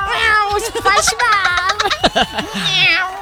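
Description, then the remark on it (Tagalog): A person imitates the meow of the snail from SpongeBob, a run of loud, wavering meow-like cries that rise and fall in pitch over a few seconds. “Yan yung yung snail na nagmi-meow.”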